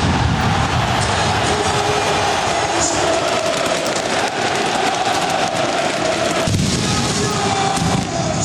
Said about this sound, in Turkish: Galibiyetle birlikte Francesco Farioli'nin öğrencileri hocalarına koşarak zaferi kutlarken Dragao stadında havai fişeklerle karnaval havası oluşturuldu.